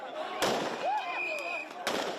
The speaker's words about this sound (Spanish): Y se escuchan disparos al aire.